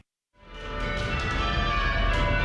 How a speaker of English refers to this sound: When the bells ring on the Kalamazoo College campus, it takes strength and teamwork. As they each control the rope for a single bell.